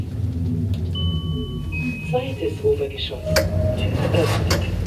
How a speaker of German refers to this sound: 1000 Kilo mit 30 Personen. Ich glaube, das schaffen wir. Tür schließt. Wir fahren in die zweite Etage jetzt.